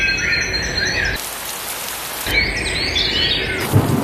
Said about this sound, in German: Ja, maximal 19 Grad heute, zum Abend hin in vielen Teilen wirklich Gewitter mit dabei, immer wieder Regen.